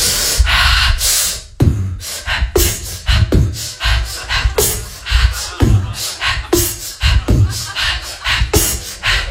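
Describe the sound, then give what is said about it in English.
A voice imitates heavy breathing: loud, rasping breaths in a steady rhythm, roughly one per second, with no words spoken. “I start breathing kind of heavy, right?”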